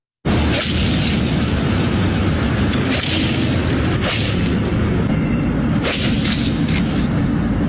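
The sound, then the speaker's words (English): Golf balls being struck off asphalt into traffic in Los Angeles: three sharp, loud cracks spaced a second or two apart, cutting through a constant heavy roar of background noise. “Sound like some solid shots. They were smashing the ball, and all I could think about was, A, really dangerous, but B, how are they hitting it so cleanly off concrete?”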